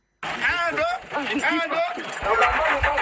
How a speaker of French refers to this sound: Des coups d'accélérateur et de 4x4 pour tirer ce camion de 18 roues dans la boue, mais sans succès. Le véhicule est pris au piège.